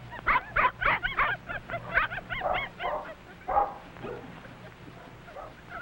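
Several puppies yap and yip excitedly in quick, overlapping bursts, with the high-pitched barking thinning out toward the end into a few scattered yelps and whimpers.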